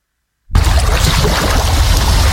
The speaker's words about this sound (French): Fermez les yeux, vous entendez la mer, le vent doux sur la peau